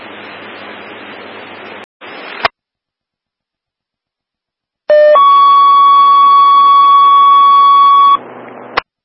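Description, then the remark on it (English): A fire dispatch alert tone for station 142, reporting wires down at 402 Lincoln Street in Elizabeth Township: a brief lower note jumps to a loud, steady, buzzy tone held for about three seconds, preceded by bursts of radio static, with no talking. “Reports of wires down 402 Lincoln Street in Elizabeth Township, station 142 alerted.”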